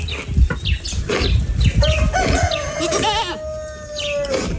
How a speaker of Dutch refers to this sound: Hoor je het gegraas? De vogeltjes? Ja, en die. Het gaat me om de kippen en geiten. Je hoorde hier ook een haan, die mag er ook zijn.